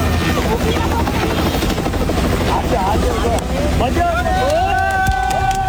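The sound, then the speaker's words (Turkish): A helicopter roars overhead, supporting search and rescue work, its steady rotor drone loud and unbroken throughout, with wind buffeting and faint voices rising briefly near the end. “Onların erişemediği noktada dronlar devreye giriyor, çalışmalara helikopterler de destek veriyor.”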